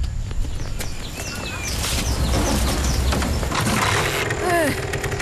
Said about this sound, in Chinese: 80了还骑摩托车啊。 哦，我喜欢摩托车了。